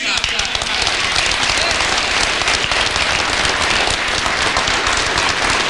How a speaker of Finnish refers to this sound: Puoluevaltuuston kokouksen yhteydessä Purra moitti etenkin SDP:n puheenjohtaja Antti Lindtmania saaden suuret aplodit.